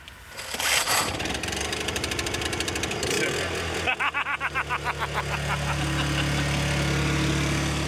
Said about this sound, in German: Ja, Stromaggregat, und das können wir von innen anziehen. Also das können wir von innen starten.